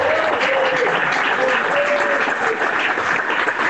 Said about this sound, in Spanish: Gloria a Dios. Aplaude y glorifica al Espíritu Santo.